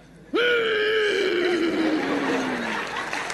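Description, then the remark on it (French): A single loud, drawn-out vocal snore imitated by a person, mimicking a pastor snoring, starting abruptly and sliding slowly downward in pitch like a groan, with no talking. “Quand le pasteur ronfle, tu sens d'abord comment il met toute l'énergie à l'intérieur.”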